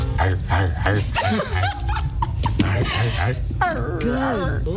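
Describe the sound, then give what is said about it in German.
A man imitates a dog barking with a string of loud, yelping vocal bursts, rising and falling in pitch, over a steady low rumble in the background. “die hat Drake mal gefragt, ob er für sie bellen kann”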